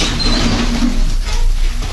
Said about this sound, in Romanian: În celula lui, Egmont doarme. Un zgomot de chei și ușa se deschide.